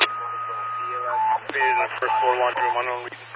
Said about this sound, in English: Dutch Ambulance 1, whatever the tones in the background were, drown you out.